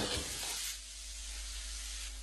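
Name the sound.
chicken pieces sizzling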